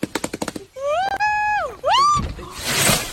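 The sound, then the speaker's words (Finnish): A gibbon falling out of a tree: quick chattering clicks, then two long wavering whoops rising and falling in pitch, ending in a loud rustling crash. “Mutta joo, se oli apina tippu puusta.”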